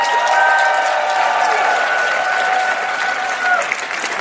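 Loud, sustained applause from a large audience, dense clapping filling the whole stretch, with a few faint whistle-like tones or cheers riding on top before it eases slightly at the end.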